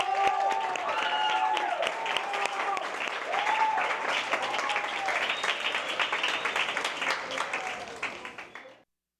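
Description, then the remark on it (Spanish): Sustained audience applause for a group of tenth- and eleventh-grade students, a dense wash of many hands clapping for several seconds, with a few voices and cheers mixed in before it cuts off abruptly. “Así que un aplauso para todos ustedes.”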